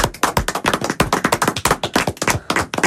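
A burst of applause from a small group for a quiz contestant's correct answer on Ici Cotentin radio, with sharp, loud claps tumbling over one another in a quick, uneven patter for about three seconds, no voices.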